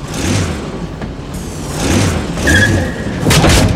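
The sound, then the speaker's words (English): A small remote-controlled car, steered by a finger drawn across the touch pad of its remote control, whirs and rumbles as it drives, with a brief high-pitched skid squeal partway through and a couple of bumping thuds, no voices present. “Now, draw your finger very slowly across the pad to drive the car.”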